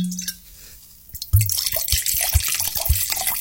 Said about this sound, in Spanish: Abre el vinito y después me dice. Primero abra la botella.